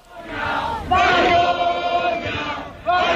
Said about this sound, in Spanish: Malparidos, vergüenza, es lo que se gritaba en la acampada de Barcelona cuando les comunicaron que Junts iba a votar en contra de los decretos. Así sonaba.